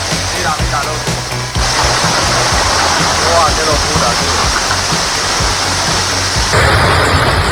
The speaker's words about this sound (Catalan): ahir vam tornar a tenir una pluja molt, molt intensa, especialment a les comarques de Tarragona